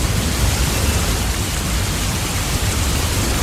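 Steady, dense hiss of rain falling, even and continuous throughout with no breaks, fairly loud, with a low rumbling undertone and no voices.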